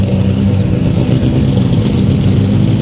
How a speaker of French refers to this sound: C'est rien que d'entendre le moteur et de sentir les odeurs là. En tout cas, on entend très bien.